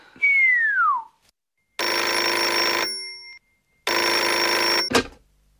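An old telephone bell rings twice in long, loud, clattering bursts, then a sharp click as the receiver is lifted. A brief descending whistle-like tone comes before the rings. No one speaks.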